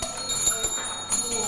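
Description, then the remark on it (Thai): A bright bell dings and rings on with a sustained, shimmering tone, clear, while faint background noise and a few soft knocks sit underneath, as the bell is pressed to move to the next question in a classroom English quiz game. “โอเคทุกคนรอกดกระดิ่ง next”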